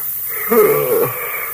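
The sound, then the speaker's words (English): A single drawn-out yawn, breathy and voiced, swelling and then sliding down in pitch over about half a second, against a faint background hiss. “You got me yawning, too.”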